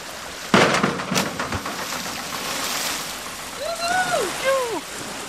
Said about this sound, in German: Du bist auf jeden Fall Arschbombenprofi. Deswegen wirst du mir gleich erstmal zeigen, wie das funktioniert.